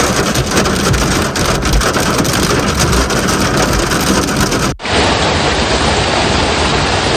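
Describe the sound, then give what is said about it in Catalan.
Heavy storm rain pours down in a dense, continuous hiss, loud, broken by a sudden brief cut before resuming slightly duller. No one speaks. “Les tempestes que han arribat a pràcticament doncs sense línia de parèntesi amb la fortíssima calor.”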